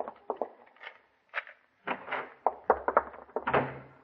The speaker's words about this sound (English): Get the door open fast.